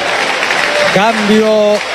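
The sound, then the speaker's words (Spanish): A large stadium crowd gives a standing ovation as an Argentina player is substituted off, roaring and applauding steadily throughout, a dense wash of cheering, with a rising, sustained tonal shout or horn-like call cutting through during the second half. “Al Blue Cambio, ovación de pie.”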